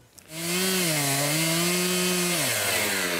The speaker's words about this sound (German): Der Baumstamm wird mit der Kettensäge so tief wie möglich über Kreuz eingesägt. Ein schönes Schachbrettmuster.